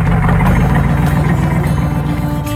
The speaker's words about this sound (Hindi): वो दिन था 19 जून 1947 का। रास्तापाल की पाठशाला के बाहर एक ट्रक आकर रुका।